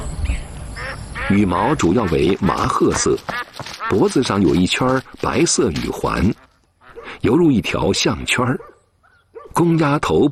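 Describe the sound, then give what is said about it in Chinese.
A flock of Zhongshan sheldrake ducks, a local breed named after Zhongshan, China, raised free-range on a farm fish pond, quacks loudly, many calls overlapping in a dense, nonstop chatter that breaks off briefly twice before resuming. “中山麻鸭是唯一以中山命名的本地物种。”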